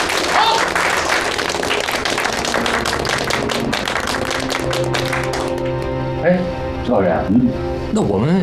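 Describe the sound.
A group of comrades bursts into steady, dense applause for their deputy squad leader for several seconds, many hands clapping, then the clapping fades out and voices start talking over a low background.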